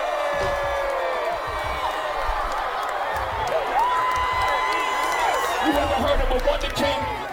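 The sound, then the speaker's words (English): A crowd cheers loudly in reaction to a rap lyric, with sustained whoops and shouts rising over a dense wash of voices and scattered clapping, staying steady and energetic for the whole stretch. “The crowd loved that one. The crowd got that bar for sure.”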